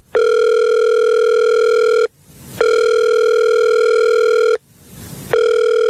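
An outgoing phone call's ringback tone, a call placed from a morning radio show: loud, steady electronic buzzes about two seconds long, separated by short hissy pauses. Two full rings sound and a third begins, with no voices.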